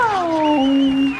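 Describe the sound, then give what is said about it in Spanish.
A person imitating a growling cat voices a drawn-out, falling growl or yowl, fairly loud, sustained for about a second with a wavering, tonal quality. “Ese es un gru.”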